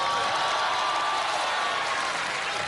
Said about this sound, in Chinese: 不用不用掌声，不用。 您这要掌声的嫌疑， 有点害臊。